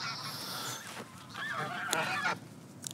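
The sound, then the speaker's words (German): Several geese honk loudly and repeatedly in an agitated, overlapping chorus as a dog chases them, with harsh calls rising and falling over about three seconds, outdoors. “Oh, jetzt kommt der Hund, der jagt die.”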